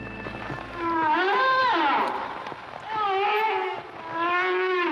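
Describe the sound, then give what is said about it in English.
Two long, wavering whale calls, each a harmonic moan that swoops up and down in pitch, separated by a short pause, with a low rumbling hum at the start. “I'm not sure if that's a teenager or a whale, but it is whale watching season.”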